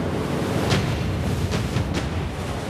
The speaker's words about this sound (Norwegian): men han hørte bølgene bruse rundt seg, og den iskalde vinden traff ham i ansiktet. Han ante at det bygget opp til storm.